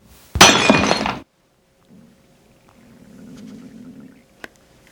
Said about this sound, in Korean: 하얀 단지가 깨져 사방으로 날아가고 바닥에 뼈가루가 흩어졌다. 잿빛 분진이 떠올랐다.